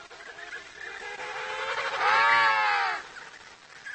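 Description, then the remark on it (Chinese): Penguin mothers call loudly to their chicks over a steady background chorus of a colony, with one loud, harmonic, bleating cry swelling up near the middle before fading back into the din. “母亲们大声地鸣叫，希望小企鹅能够听到自己的声音。”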